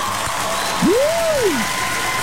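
Steady, dense applause fills the whole stretch at an even level, and partway through a single low tone glides up and then back down over it. No one speaks.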